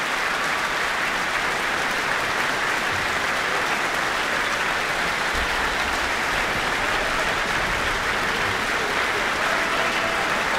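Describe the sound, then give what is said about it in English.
Sustained, steady applause from a large crowd at the Michael Fowler Centre in Wellington: both the audience and the orchestra applaud as the keyboard soloist joins hands with the conductor. A dense wash of many hands clapping at a constant loud level with no speech over it. “He has joined hands with the conductor, receiving the applause of not only the audience, but also the orchestra here in the Michael Fowler Centre.”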